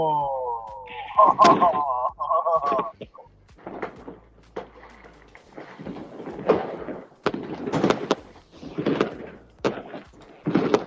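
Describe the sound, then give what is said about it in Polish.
Fireworks pop and crackle in a string of sharp, irregular bursts, some loud, others softer, with a murmur of voices and a brief tonal whine near the start. “No, mamy tutaj obraz, mamy fajerwerki, mamy kupę ludzi i tak fajnie, tak bratersko trochę”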